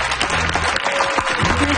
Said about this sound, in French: Est-ce qu'on peut applaudir bien fort Marc Hervieux et Raphaël Roy qui ont été parmi nous dans cette dernière heure d'émission?